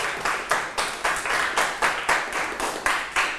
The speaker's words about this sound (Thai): โอ้โหยอดเยี่ยมมากเลยนะครับปรบมือให้เพื่อนหน่อยครับ